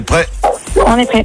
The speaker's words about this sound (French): Il y a un bruit derrière, je crois qu'il y a un chien. C'est un chien. Ouais. Il est où le chien? Ouais, c'est de mon côté. Ah d'accord. C'est quoi comme chien? Alors, je sais pas, c'est le voisin.